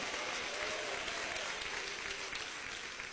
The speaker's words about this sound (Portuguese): toma posse lá, receba, bate palmas, dá glória a Deus, pode glorificar Jesus.